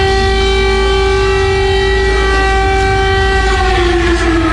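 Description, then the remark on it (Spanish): Air raid sirens in Ukraine wail continuously and loudly after attacks, sounding while German Chancellor Merz was with Ukrainian President Volodymyr Zelensky, a steady harmonic tone that sags slightly in pitch midway, over a low background rumble with no talking. “Vamos hasta Ucrania, donde lo que escuchamos son los sonidos de las alarmas que comenzaron a sonar mientras se encontraba el canciller alemán Gerhard Merz junto al presidente ucraniano Volodymyr Zelensky.”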